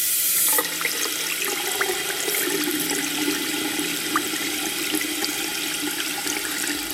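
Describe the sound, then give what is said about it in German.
Water runs steadily from a tap, a continuous rushing splash that holds at an even level for several seconds with no one speaking. “Heißes Wasser zu Ende.”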